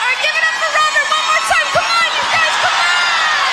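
A concert crowd roars with sustained cheering and applause, many overlapping voices whooping and yelling at once, loud and continuous for the whole stretch with no pause.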